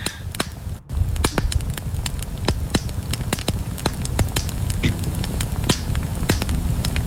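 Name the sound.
campfire crackling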